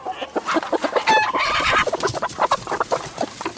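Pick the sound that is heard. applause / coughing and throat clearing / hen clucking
hen clucking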